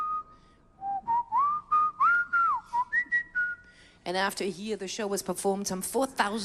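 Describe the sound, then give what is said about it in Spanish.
A person whistles a bright, stepwise melody from an opera, with sustained and gliding notes, for about four seconds, then a voice begins speaking right after, clear. “Todo el mundo cantaba y silbaba los temas de la ópera.”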